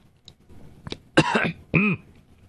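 A man clears his throat and gives a couple of rough, close coughs, then a final voiced throat-clearing grunt, all in an otherwise quiet room.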